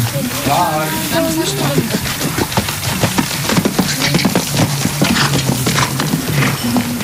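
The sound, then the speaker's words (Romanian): Steady clip-clop of horse hooves at a walking pace during a riding lesson, with a brief horse whinny near the start and faint voices in the background. “Caii sunt bine dresați, iar instructorii oferă lecții atât pentru începători, cât și pentru avansați.”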